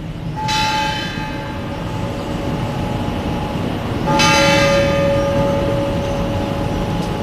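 Two loud bell strikes from a tower clock mechanism striking the full hour, each a bright metallic clang with a long shimmering ring that hangs over a steady low rumble of background noise. No one speaks.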